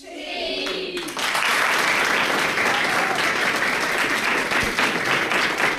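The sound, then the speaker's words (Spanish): A burst of applause from a group of schoolchildren sitting at school desks, dense and loud after a brief rising cheer, continuing steadily for several seconds with scattered high-pitched voices mixed in. “¿Merece un aplauso o no?”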